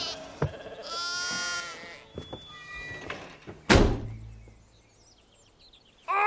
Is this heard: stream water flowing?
no